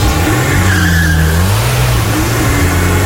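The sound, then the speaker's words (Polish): A magnetic grey family car starts up, its engine roaring loud, pitch climbing and shifting as the vehicle pulls away, with a hiss of tire noise underneath and no voices. “Siadacie, zamykacie drzwi, odpalacie.”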